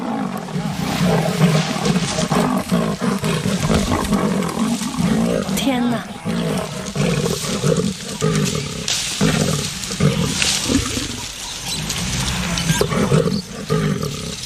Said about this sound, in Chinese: 我的天哪，太不可思议了， 狮子和花豹竟然在树上打起来，这场景更是难得一见。